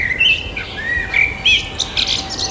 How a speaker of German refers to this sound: Im Mai, da ist richtig was los in der Vogelwelt. Fast alle Zugvögel sind zurück und die Vögel brüten auch schon. Und bei der Frage, welche Vögel da so um die Wette zirpen und zwitschern